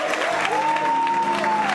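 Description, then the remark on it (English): An audience at a church service bursts into sustained hand clapping for God, dense and continuous, with a sustained tone like an organ chord held underneath the applause. “And you ought to give God a hand clap that you done made the enemy mad.”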